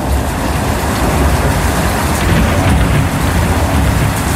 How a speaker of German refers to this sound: Und ich hoffe, ihr konntet es genießen. Es war nicht zu doll bei euch, weil es gibt ja viele Gewitterfans. Bei Spotify gibt es sogar eine extra Playlist, nur mit Blitz und Donner.